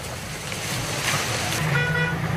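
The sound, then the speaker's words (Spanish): Crackling flames of a forest fire in the province of Ourense, recorded on 3 August 2006, roar as a steady, dense wash of hissing noise, and a brief steady horn-like tone sounds over it near the end. “¿Es lluvia? No, es fuego, son llamas.”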